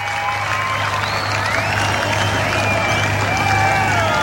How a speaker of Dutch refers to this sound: En ondertussen roept het publiek: we want more. Dat is zo.